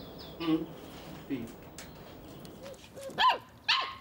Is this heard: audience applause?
no